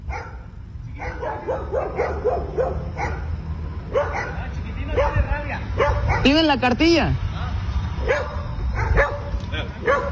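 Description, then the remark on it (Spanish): A dog barks and yips repeatedly, loud, with a burst of sharp high-pitched yelps midway, while people talk over the commotion on a public street. “Muéstrame la cartilla que no tiene rabia el perro, es lo único que te estoy pidiendo.”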